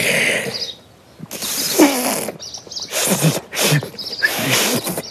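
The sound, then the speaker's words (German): Several breathy bursts of blown air from a failed attempt to whistle a bird alarm call, with no clear whistle tone. They are hissy and uneven, separated by short pauses, with a few faint squeaky pitches slipping through. “Also, wie ein Pfiff klang das nicht.”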